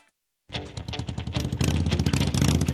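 After a brief silence, a motorcycle engine roars to life, its throaty pulsing rumble climbing louder as it revs and holds at a strong, steady growl.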